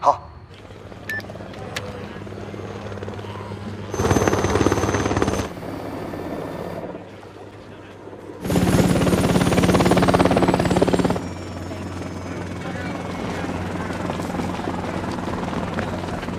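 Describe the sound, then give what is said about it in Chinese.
A helicopter sent as military aid arrives for an evacuation, its rotors thrumming steadily throughout, a low pulsing drone that twice swells into a loud, roaring wash of noise as the aircraft draws close overhead, then settles back. “当地政府已经向我国正式请求军事援助，直升机马上就到”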